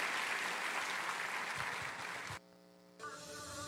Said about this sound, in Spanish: Dele un aplauso bien grande.